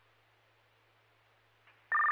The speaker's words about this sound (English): One more set of tones for Garnet Lake, and then you can discharge.